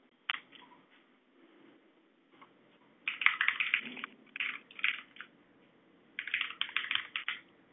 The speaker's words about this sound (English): Ah, so we're going to have a night of keyboard clacking. That's fine.